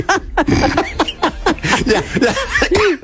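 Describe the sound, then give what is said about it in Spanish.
A loud fit of repeated coughing, about a dozen harsh bursts in quick succession with short raspy breaths in between, and no speech. “Me dio tos.”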